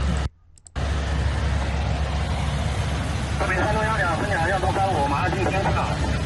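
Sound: airplane engine noise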